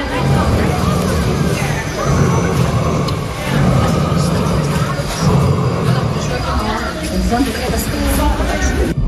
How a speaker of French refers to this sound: Là par exemple, écoutez bien, c'est le tyrannosaure qui s'approche de vous.